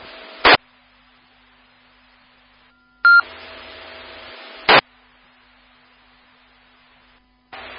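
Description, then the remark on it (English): Dispatch radio tone-out paging tones toning out for station coverage, seeking available paramedics: long steady pitched tones hum over radio hiss, punctuated by several sharp bursts of squelch static, with no one talking. “Been toning out for station coverage.”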